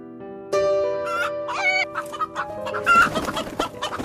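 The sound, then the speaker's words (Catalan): A black hen clucks repeatedly, a busy run of short, nasal calls with a few louder, stretched squawks mixed in, over a faint steady background hum. “Tot d'un cop, la porta va guinyolar un poc i una gallina negra va entrar.”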